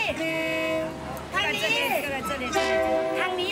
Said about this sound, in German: Zur Seite, der Zug.